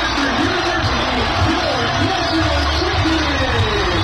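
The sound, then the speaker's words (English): A large crowd of more than 8,000 fans roars and cheers wildly at the final moments of Northwestern's national championship victory over North Carolina, on campus on the lakefront in Evanston; a loud, steady wall of massed voices and shouts sustained throughout, with no one speaking clearly above it. “And the crowd goes wild, as you can hear there.”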